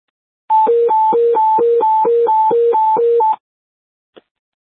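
A loud radio dispatch alert tone for a rescue squad, sounded before a medical alarm call, warbles rapidly between a higher and a lower pitch for about three seconds, then cuts off into silence, followed by a single short click.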